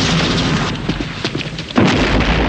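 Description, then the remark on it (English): A loud explosion booms out of a dense, noisy background of rumbling and crackling during an exchange of gunfire outside a building, sending a guard flying over a railing, with a deep low-end thud near the end of the short burst of chaos. “An explosion sends a guard flying over the railing.”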